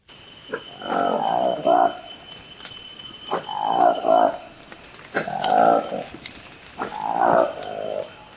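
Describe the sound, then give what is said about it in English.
Four loud, booming calls of a Lesula monkey, a newly discovered monkey from the Democratic Republic of Congo, repeat at steady intervals, each a rough, throaty swell rising and falling over a couple of seconds, with brief quiet gaps between them. “Now this is the remarkable sound of a newly discovered monkey in the Democratic Republic of Congo.”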